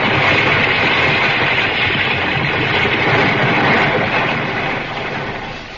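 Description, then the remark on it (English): An avalanche of hundreds of tons of snow and ice thunders down at the mouth of a cave: a loud, continuous roaring rumble in a dense, steady wash of noise that eases only slightly near the end. No voices. “they stepped out of the mouth of the cave, an avalanche thundered down on them. Hundreds of tons of snow and ice threatening burial and instant death.”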